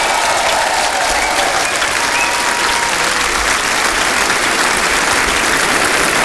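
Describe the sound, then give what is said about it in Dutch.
Sustained audience applause for a bandleader's orchestra, a dense, steady wash of many hands clapping at an even loudness for several seconds, with no voices standing out above it. “Geef maar een applaus, orkest van ….”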